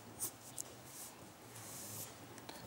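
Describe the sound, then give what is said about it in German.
Soft scratchy strokes of a pencil or pen on paper at a drawing table, the first loose strokes of a drawing, a few light swishes, quiet and unhurried with no talking. “Und zwar hat man Papier, einen Zeichentisch und mit jeder Zeichnung fängt man einfach ganz locker an mit den ersten Strichen.”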